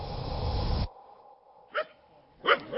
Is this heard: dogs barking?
yes